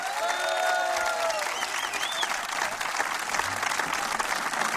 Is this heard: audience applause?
yes